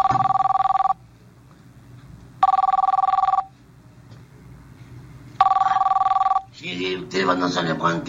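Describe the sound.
A telephone rings three times in steady, evenly spaced bursts, loud, with short pauses between rings; a voice starts speaking right after the last ring.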